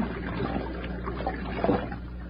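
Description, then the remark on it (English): A steady, continuous wash of trickling stream water runs at moderate level, with small bubbling splashes rising briefly; no one speaks. “It's a stream, all right.”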